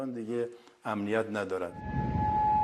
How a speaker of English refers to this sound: Sirens were heard in Kuwait, where air defences were called into action. The American allies said they were confronting hostile missile and drone attacks,